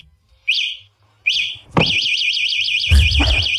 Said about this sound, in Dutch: Ja, dit is het alarm van een fatbike. Ja, dat klopt. Het is het alarm van een fatbike. Leerlingen hebben daar dit jaar erg veel last van tijdens die examens.